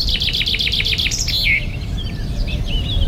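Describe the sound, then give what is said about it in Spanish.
Birds singing in a bright, rapid series of repeated chirps that trail off into softer, scattered calls, heard over a low, steady outdoor rumble with no one talking. “Ya, está lleno de pájaros, sí, ahí, vos.”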